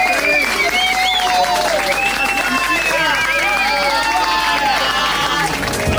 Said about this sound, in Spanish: Un aplauso fuerte